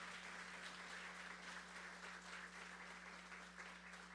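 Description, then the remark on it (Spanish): Sustained audience applause requested for a person important to the town, a dense wash of many hands clapping at steady volume throughout, with a constant low electrical hum underneath. “Y también pido un fuerte aplauso para una persona que es sumamente importante para nuestro pueblo.”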